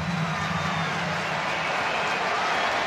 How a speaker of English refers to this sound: Astros down to their final strike. It's a 1-2 count to Trammell. Crowd standing, cheering on the Blue Jays, looking for a second straight win.